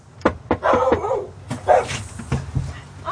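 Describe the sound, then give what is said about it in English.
A dog named Basil whines in high, wavering whimpers broken up by several short, sharp barks and yips, coming in quick irregular bursts with no voices over them. “This is Basil. He just wants to sniff you.”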